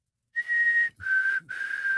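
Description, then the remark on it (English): A person whistles an imitation of a black-capped chickadee's call: a clear, sustained high note followed by two slightly lower notes, clean and pure-toned with brief breaths between them. “My favorite walking around Edmonton's River Valley is the little delightful black-capped chickadee, which goes...”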